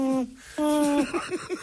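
A voice imitates a little owl's hooting: two drawn-out, steady hoots followed by a quick run of short, wavering hoots, loud with nothing else around.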